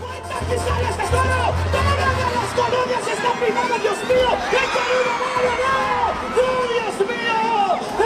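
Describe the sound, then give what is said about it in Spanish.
A concert crowd in Morelia, Michoacán, screams in terror after a rider is injured, many overlapping high-pitched voices wavering up and down in a dense, continuous roar that stays loud for the whole stretch. “El público se unió en un grito de terror.”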